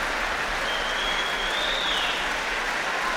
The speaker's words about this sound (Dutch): En daar gaat de deur opnieuw open. En komen Daniel Trifonov en Lahav Shani opnieuw het podium op. Groot applaus ook nu. Voor de cellist.